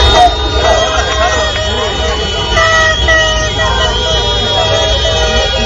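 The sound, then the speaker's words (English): Hundreds of car horns blare at once in a loud, continuous, overlapping chorus, some held long and others tooting in short bursts, over a dense rumble of street noise and voices; Mexican fans honking all night outside the Ecuador football team's hotel in Mexico. “Hundreds of cars all night long blasting their horns.”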